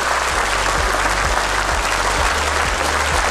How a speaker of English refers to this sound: But I'm going to give a round of applause to everybody who took part as well.